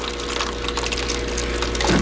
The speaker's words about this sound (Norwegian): Her vet du hva? Dette vannautomaten. Ikke kaffemaskina.